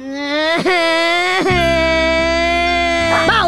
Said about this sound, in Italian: Che cazzo stai piangendo? Piange!